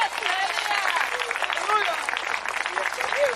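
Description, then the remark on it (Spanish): An audience at a church service applauds steadily and loudly for the Lord for several seconds, dense clapping mixed with scattered voices calling out and cheering throughout. “Mire, dele fuerte ese aplauso al Señor.”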